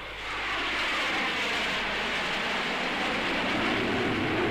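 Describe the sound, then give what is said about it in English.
A loud, steady roar of a heavy aircraft, the World Air Force Goliath on sustained atomic-engine flight tests, passing overhead, a broad rumbling engine drone that swells slightly and holds constant throughout, with no voices. “Heavy aircraft in our sector?”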